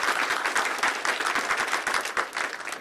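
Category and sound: crowd, audience clapping hands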